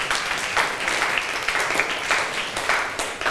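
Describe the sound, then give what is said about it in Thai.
A class of students claps together for the winning group in a steady, dense burst of applause that holds at an even loudness for a few seconds, with no voices heard over it. “ค่ะแสดงว่าเราได้ผู้ชนะแล้วใช่ไหมคะคือกลุ่มที่3นั่นเองค่ะปรบมือให้เพื่อนหน่อยค่ะ”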